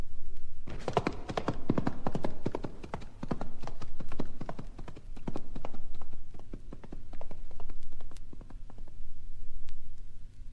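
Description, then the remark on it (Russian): Horse hooves clip-clop steadily on a hard surface, a brisk rhythmic stream of hoofbeats from a fast-moving ridden horse, loud at first, then continuing at a steady, slightly lighter pace for the rest. “Твой конь летит, как ветер, а я отягощен сумою.”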